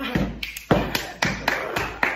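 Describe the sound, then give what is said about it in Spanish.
A steady series of about eight crisp taps in a walking rhythm, mimicking footsteps climbing a staircase, with no one talking. “Subo las escaleras para arriba, así.”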